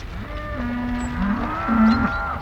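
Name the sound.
cows mooing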